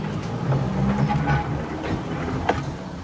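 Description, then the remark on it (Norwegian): A tram, introduced as the tram on P5, rumbles along its rails with a steady low drone, brief tonal squeals of metal on track, and a sharp click or clack near the end. No one speaks. “Sporvognen på P5.”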